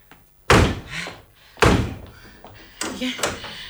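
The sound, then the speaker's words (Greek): Three doors slam shut one after another, each a loud bang with a short echoing tail, spaced about a second apart, the last one slightly softer and rattling. “Αυτές οι πόρτες μου πρέπει να κλείσουν μια για πάντα.”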